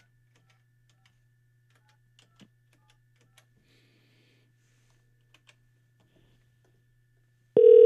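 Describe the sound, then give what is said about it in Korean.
Telephone dialing during a broadcast, calling a listener's husband: a few faint, scattered key clicks over a low steady hum, then a loud, steady call tone cuts in abruptly at the very end. No one speaks. “남편이 전화를 받으신다고 했다고 하는데 자, 다시 한번 해볼게요.”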